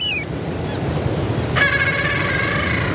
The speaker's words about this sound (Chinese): 海面上的雅海亚爸爸还在焦急地呼唤着雏鸟。雏鸟听见了叫声，也努力回应着。